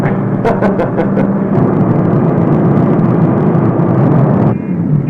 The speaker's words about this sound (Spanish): Mire lo que ha hecho, señora. Está viendo nuestros camiones y se le ocurre frenar intempestivamente.